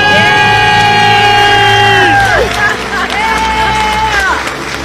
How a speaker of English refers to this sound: All right, you guys, count it down. Let's hear your big debt-free scream. All right. Three, two, one. We're debt-free!